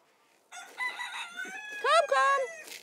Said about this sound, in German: So, jetzt können wir erstmal hier unsere Hühner einfangen. Absolute Katastrophe. Komm. Ja, komm.